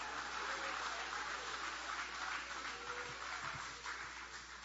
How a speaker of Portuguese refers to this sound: Pode tomar o vosso assento, guarda a Bíblia com carinho e podem aplaudir a Ele também com alegria. Pode aplaudir, pode glorificar o nome dEle.